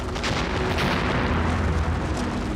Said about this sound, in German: Magma schmilzt Gestein auf. Durchdringt dieses Magma eine wasserführende Schicht, kommt es zu einer gigantischen Dampfexplosion.